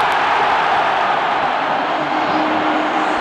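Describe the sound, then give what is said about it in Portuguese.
A big football stadium crowd erupts in a loud, sustained roar as Flaco Lopes puts the ball in from a cross, a goal then ruled offside; a dense wall of cheering voices holds steady for a few seconds without any clear speech. “O grito da torcida veio, mas o impedimento foi pego do Flaco Lopes.”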